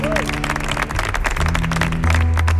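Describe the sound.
An audience at a live radio broadcast applauds steadily and loudly for the whole stretch, a dense crackle of many hands, with voices and low sustained musical tones underneath.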